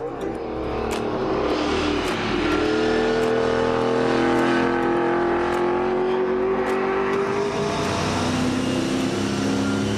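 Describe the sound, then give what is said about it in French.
A car engine drones steadily with rising and falling pitch as the car is driven at full throttle, braking straight and leaning softly through corners with some rear movement and understeer. It is loud throughout, with a man's voice talking over it. “La voiture va droit. Au freinage aussi, ça freine droit.”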